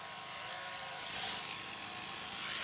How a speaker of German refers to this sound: Mit der Schermaschine fährt er immer so nah wie möglich über die Haut. So, dass er möglichst nur einmal über die gleiche Stelle fährt.